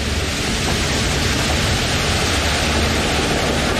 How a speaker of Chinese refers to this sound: 哇！突然刮起了大风，风力变得越来越强劲。